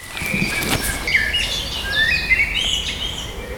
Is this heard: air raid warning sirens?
no